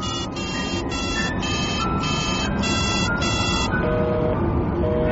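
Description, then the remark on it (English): A telephone busy signal: a run of seven evenly spaced electronic beeps pulses in a steady rhythm over a constant background hiss, then gives way to a steadier, lower tone near the end. “It's busy again.”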